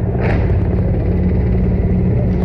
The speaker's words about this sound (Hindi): और इस समय आकाश आकाश में जो स्वर हमें सुनाई दे रहे हैं, ध्वनि सुनाई दे रही है, वो उन हेलीकॉप्टर्स की है जो पुष्प वर्षा करते हुए लाल किले के प्राचीर के ऊपर से गुजर रहे हैं और लोगों की निगाह उसी आसमान की तरफ है।